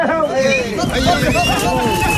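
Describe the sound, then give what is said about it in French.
A busy Camargue (Petite Camargue) ambiance mixing horses, bulls and herders (manadiers): overlapping voices of herders calling and chattering, with rising and falling shouts over a steady crowd murmur, continuous and moderately loud throughout. “Cette ambiance, elle est vraiment de chez nous. Camargue, petite Camargue, ces sons mélangés de chevaux, taureaux et manadiers, c'est une signature ici.”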